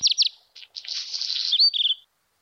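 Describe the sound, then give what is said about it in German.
A black redstart sings a short phrase: a few quick high notes, a scratchy buzzing middle section, then a rapid trilled ending. Clear, with no talking. “Das ist ein Hausrotschwanz, den ihr da hört.”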